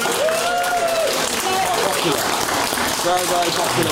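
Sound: audience applause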